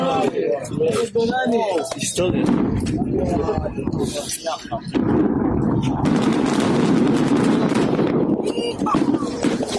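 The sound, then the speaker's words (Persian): Repeated loud explosive blasts and sharp cracks in quick succession as the Israeli army destroys Hezbollah's tunnel network at the Ali al-Taher heights in Lebanon with over 1,100 tons of explosives, while Israeli onlookers and soldiers shout and exclaim excitedly over the continuous rumbling din. “مردم و سربازان اسرائیلی هم شاهد این آتشبازی نتانیاهو بودند و با شنیدن صدای انفجارها و شعله‌های آتش حیرت، شگفتی و رضایت خود را ابراز کردند.”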